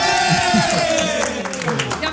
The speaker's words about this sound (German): Ich will jetzt gleich Jubel hören.